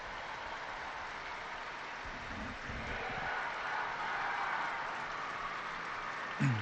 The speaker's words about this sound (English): Big round of applause going up from the pilgrims gathered in St. Peter's Square.